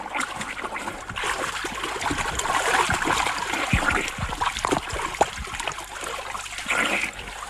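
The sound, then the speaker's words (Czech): Steady splashing and churning water, with irregular slaps and sloshes of someone swimming through a river toward a man in a boat, continuous for several seconds with no voices. “Už k vám plavu.”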